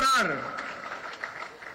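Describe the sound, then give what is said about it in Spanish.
A voice trails off, then a crowd breaks into applause for the country's agricultural producers: a dense, steady patter of many hands clapping at moderate loudness, continuing without pause to the end. “Por eso quiero pedir un gran aplauso para los productores de nuestro país.”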